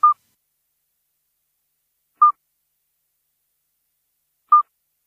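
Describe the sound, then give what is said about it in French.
Three short, pure, piping notes from a midwife toad, evenly spaced about two seconds apart, each a soft bell-like whistle ringing out clearly against total silence. “Mais attention, on peut confondre le chant du petit duc d'Europe avec celui du crapaud accoucheur que l'on écoute là.”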